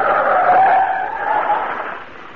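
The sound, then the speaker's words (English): A truck speeds along with its tires skidding in a loud, sustained screech that wavers in pitch and eases off slightly toward the end, with no voices. “Truck go very fast.”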